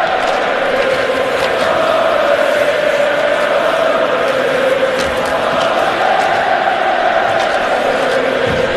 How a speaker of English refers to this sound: Listen to the Montreal crowd up 2-0.